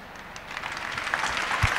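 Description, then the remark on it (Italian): A short burst of audience applause, a dense crackle of many hands clapping that swells slightly in loudness over under two seconds, with no voices. “Senza che applauso in realtà è per dire: fai risposte più brevi.”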